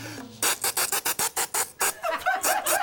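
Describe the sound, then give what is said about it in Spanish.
A voice imitates the call a cicada makes in a tree calling to the female: a run of about a dozen loud, raspy, rhythmic bursts, then a buzzier, more continuous rasp with a rising whistly edge to finish. “La cigarra dice cuando está en el árbol llamando a la hembra.”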